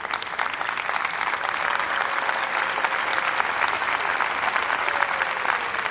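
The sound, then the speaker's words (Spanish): Steady audience applause for a family celebrating their daughter's graduation: many hands clapping in a dense, even patter that holds at a constant loudness for the full six seconds, with no voices standing out. “y yo te aplaudo por eso. Y aplaudo también a tu hermano, que pude estar en la graduación de él hace unos años.”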